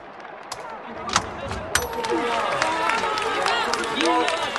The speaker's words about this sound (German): als ich die Augen am nächsten Morgen aufschlug, war der Applaus noch da. Vor der Wache hatte sich eine große Gruppe Bürger versammelt, um für die Brigade zu jubeln.